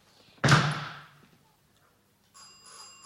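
A doorbell at an apartment door rings: a loud, sharp strike that fades over half a second, then after a short pause a softer, steady ringing tone. No one speaks.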